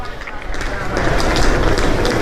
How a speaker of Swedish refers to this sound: Ljudet från rullväskor som dras över kullerstenarna är så gott som konstant. På huvudstråken mellan järnvägsstationen Bron Rialto och det ikoniska huvudtorget San Marco, åtminstone under högsäsongen på sommaren.